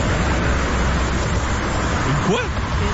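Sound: highway traffic noise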